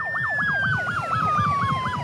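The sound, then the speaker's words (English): The siren of a fully electric Fire Rescue Victoria fire truck in Victoria, Australia, wails in rapid, regular up-and-down sweeps over a steady high tone, loud, with a low engine rumble beneath and no voices. “Some of the sounds of this fire truck are very familiar.”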